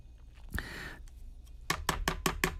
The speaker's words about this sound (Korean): 칼질하는 소리.